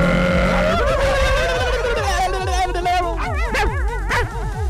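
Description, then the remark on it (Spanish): Several dogs bark and yelp over one another in a loud, continuous chorus, with rapid overlapping calls and some wavering, whine-like cries mixed in. “¿En serio, perritos?”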